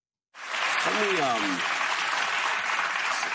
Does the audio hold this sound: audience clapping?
yes